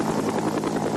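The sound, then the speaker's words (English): Steady, dense mechanical drone of a Huey helicopter's rotor and engine, loud and continuous with a faint rhythmic throb underneath, no voices present. “This is the helicopter that people associate the most with the Vietnam War.”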